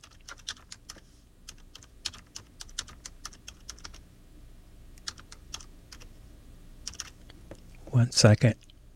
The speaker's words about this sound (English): Let me hold 1 second so I can type this in here.